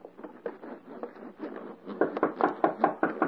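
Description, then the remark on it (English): Rapid, steady knocking on a door, a long run of sharp raps that grows noticeably louder and more insistent partway through, with no voices. “Hark. Someone knocks.”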